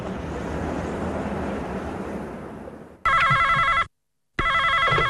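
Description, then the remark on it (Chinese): The roaring wind of a blizzard at a polar research camp on Arctic sea ice fills the first three seconds, then a satellite phone call rings loudly in two electronic bursts separated by a brief silence. “快拨个卫星电话向你们家洋洋汇报吧”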